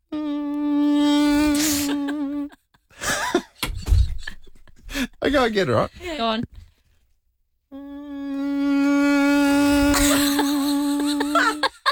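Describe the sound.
A person imitates a mosquito with a steady, high, nasal buzz made with the tongue on the front teeth, held for about two seconds, broken by brief talk, then sounded again for several seconds, fairly loud.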